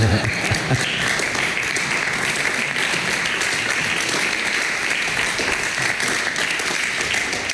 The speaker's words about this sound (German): Vielen Dank, liebes Publikum, für diesen freundlichen Applaus.